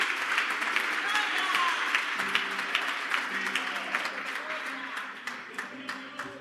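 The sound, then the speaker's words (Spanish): A church audience applauds itself at the preacher's call in a steady, dense wash of clapping that fills the whole stretch, with some voices calling out beneath it as the applause gradually thins toward the end. “Mire esta casa, dese un aplauso.”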